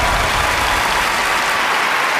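A studio audience claps steadily, a dense wash of applause that stays loud and even for a couple of seconds with no voices over it.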